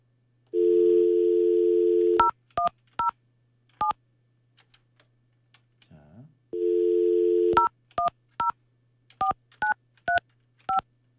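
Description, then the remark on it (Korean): A radio host phones a listener: a steady telephone dial tone gives way to a quick series of keypad beeps, then the dial tone returns briefly before more evenly spaced beeps follow, clear with no talking. “자, 이 시간에 우리 계약한 분이 좋은 사연을 주셨는데, 이분한테 제가 전화 한번 해볼게요.”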